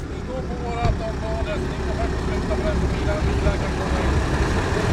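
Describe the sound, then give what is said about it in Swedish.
A truck engine idles with a steady, continuous low rumble that never lets up, while faint voices murmur indistinctly over the top; a man stands with the truck, its engine left running. “En kille som står här med en lastbil med motorn på.”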